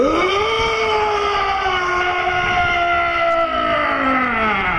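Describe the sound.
A person imitates a hodag call at the Hodag Calling Contest of the 2026 Hodag Heritage Festival in Rhinelander, Wisconsin, with one long, loud, unbroken wail, rough and rich in overtones, its pitch swooping up at the start and then sagging slowly downward for several seconds.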